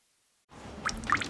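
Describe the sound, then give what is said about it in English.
Water drips from a ceiling vent twice in close succession, two small, bright plinks over a low wet hiss after a brief moment of silence. Quiet, with no talking. “Hey, it's your ceiling vent, so I'm dripping.”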